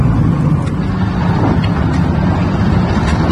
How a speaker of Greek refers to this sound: Συγκλονίζει το βίντεο που δείχνει αυτοκίνητο να περνά μέσα από τις φλόγες που σαρώνουν την British Columbia στον Καναδά. Oh my God, Canada, I'm scared.